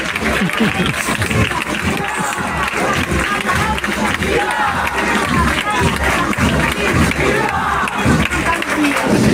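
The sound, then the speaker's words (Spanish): A large crowd shouts together at a Santa Lucía street procession in a decorated street, everyone starting to shout at the chosen moment, many overlapping voices forming a loud, dense, unbroken roar that holds steady for the full nine seconds. “Llegamos a la calle, todo está decorado, se busca el momento exacto y comenzamos todos a gritar.”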